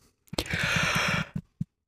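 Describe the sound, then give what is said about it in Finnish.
A person gives a single drawn-out yawn, breathy and airy with a low voiced groan running through it for about a second, then a couple of short exhaled breaths. “Ei saa teko haukotella ainakaan, koska haukotus tarttuu.”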